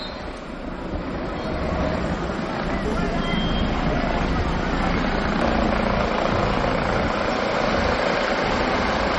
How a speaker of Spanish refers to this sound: esto que estamos escuchando es el aterrizaje de un helicóptero. Y es que una mujer de 85 años entró ayer por la tarde en parada cardiorrespiratoria mientras se bañaba en el mar.